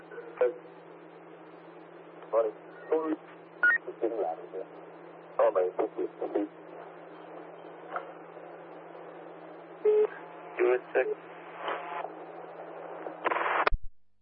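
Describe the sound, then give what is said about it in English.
Muffled, band-limited phone-line audio from someone's phone left on an open channel on the Armidale City radio line, with bursts of indistinct voices and scattered beeping tones, over a steady low hum, ending in a sharp click as the channel cuts off. “Yeah, Armidale City, someone has an open channel on a phone.”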